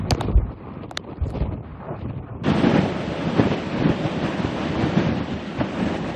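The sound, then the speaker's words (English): Hurricane Isaias wind at night in Destin, Florida roars and buffets, starting as a low rumbling rush and then surging abruptly into a louder, hissing gust that holds steady for several seconds, with no voices. “It's like you'll have moments of a punch of wind, and then it'll stop, and then we get another punch of it.”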